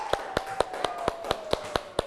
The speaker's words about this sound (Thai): เอาละค่ะปรบมือให้กลุ่มที่1ค่ะและกลุ่มสุดท้ายกลุ่มที่2ค่ะเชิญค่ะเดี๋ยวปรบมือให้กลุ่มสุดท้ายกลุ่มที่2ค่ะ